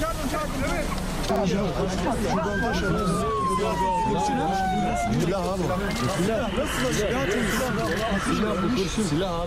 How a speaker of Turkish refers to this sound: Saldırı anında kameralara şu sesler yansıdı. Ambulans sesleri, ambulans!